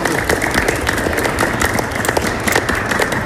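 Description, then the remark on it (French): Sustained applause from an audience, dense and steady with many overlapping claps, loud throughout, with some crowd murmur mixed in. “Ouais, on peut l'applaudir, on peut l'applaudir.”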